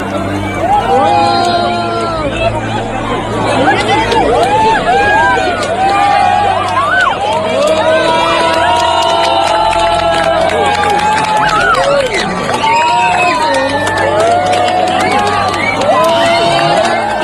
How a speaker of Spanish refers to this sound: Un minuto de silencio para muchos, de aplausos para otros, de emoción y de gritos de alegría por todo el acontecimiento.